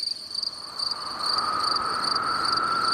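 Crickets chirp steadily in a continuous high-pitched trill, several insects layered together with no voices, a sound effect for an empty Gütersloh main railway station in August during the summer holidays, when the line between Minden and Wunstorf is closed for construction work; grows slightly louder after the first second.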